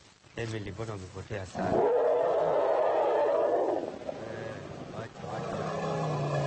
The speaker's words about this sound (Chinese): 这时，艾米丽和小象发出了一阵吼声，这叫声似乎很熟悉。我们来看一下声谱图。曲线呈中型，这应该是问候。